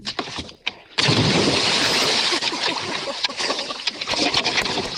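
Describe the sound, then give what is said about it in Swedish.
After a brief quiet moment, a sudden loud splash erupts as someone cannonballs off a dock into water, followed by several seconds of heavy churning and sloshing. “Var det där bästa plasket? Ja, men det var den bästa bomben.”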